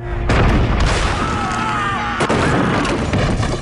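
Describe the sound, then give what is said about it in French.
Heavy cannon fire from Charles's guns bombarding Dinant on 18 August 1466 booms out in a dense, continuous barrage, loud, with sharp blasts punctuating a rumbling low roar throughout. “Le 18 août 1466, Charles fait tonner ses canons.”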